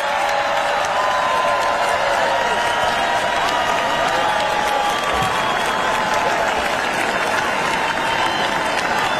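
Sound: crowd applauding and cheering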